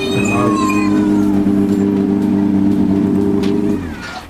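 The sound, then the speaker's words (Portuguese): A rally car's engine roars as it arrives at a rally in Madeira, the sixth round of the Regional Rally Championship: a loud, steady buzzing drone with a brief rising rev at the start, holding for several seconds before dropping off abruptly at the end. “E aí vem o carro nada barulhento.”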